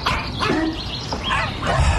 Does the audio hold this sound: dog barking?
yes